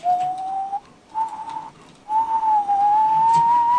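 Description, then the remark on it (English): A father whistles low, full tones in three drawn-out phrases, the pitch gliding gently upward, clear with no talking. “And just when I think my lungs will burst, Daddy's whistle starts up, rich and low.”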